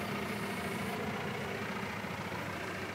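vehicle, tractor engine idling

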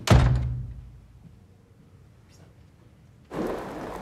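household object, front door being shut

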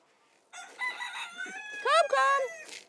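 bird, chickens clucking and crowing

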